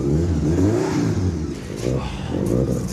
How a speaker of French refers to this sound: Alors vas-y, démarre-la. D'accord. Ça fait des jours que j'attends ça. Le moment où je vais entendre rugir ce moteur. Prêt? Allez, vas-y,